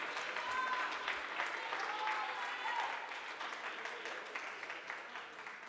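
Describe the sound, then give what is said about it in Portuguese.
An audience at an evening worship service breaks into sustained applause to the Lord, many hands clapping in a dense, steady wash that holds for several seconds before easing slightly, with faint voices mixed underneath. “Podeis assentar e aplaudir ao Senhor se você sentir bem forte, bem alegre e bem feliz.”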